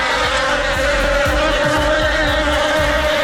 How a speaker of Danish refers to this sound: Nej, vipse eller bier, jeg kan ikke helt huske, hvad der er hvad, men det er nok den værste frygt i mit liv overhovedet.